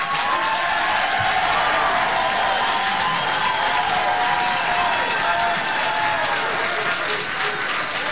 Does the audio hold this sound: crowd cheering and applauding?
yes